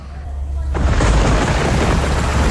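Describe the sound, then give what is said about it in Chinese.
A deep rumble of thunder rolls in suddenly and swells into a broad, sustained roar, layered with a steady hiss of heavy rain that continues to the end. “哎呀，这天又下雨。”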